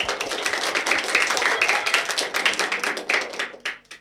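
A crowd applauds steadily, dense overlapping claps forming a continuous bright wash of sound that holds for a few seconds before thinning out into a handful of scattered final claps.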